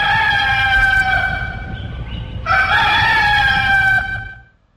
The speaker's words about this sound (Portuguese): Os galos estão cantando, meu Deus do céu.